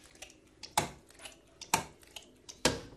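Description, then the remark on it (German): Five eggs being cracked into a bowl: three sharp knocks about a second apart, each with light clicking and shell sounds around it, and no talking. “Ja, dann schlage ich 5 Eier in eine Schüssel.”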